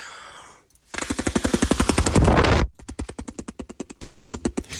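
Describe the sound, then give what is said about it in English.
A person imitates a helicopter with their mouth, making rapid, rhythmic chopping pulses, loud and breathy, delivered in two bursts split by a short pause, with no talking over it. “Something I've discovered I'm good at is doing a helicopter impression with my mouth.”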